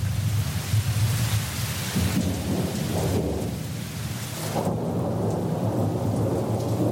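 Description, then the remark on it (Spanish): A thunderstorm with steady, heavy rain hissing throughout and deep rolling thunder rumbling underneath, loud and continuous for the whole stretch, with no voices. “¿Y si llueve durante mi visita, qué hago?”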